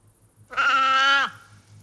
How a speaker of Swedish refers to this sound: Det där är säl. Det var en säl. Ja. Det var en sälkut.